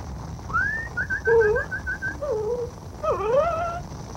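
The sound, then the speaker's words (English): A dog whimpers: a rapid string of thin, high whining notes, then a few longer wavering whines that slide downward. No voices are heard. “Here, doggy.”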